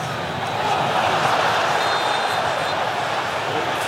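A dense, steady roar of a large crowd in a football arena as Mbappé is fouled in a match against Morocco, a broad wash of many voices that holds at an even, loud level without breaks.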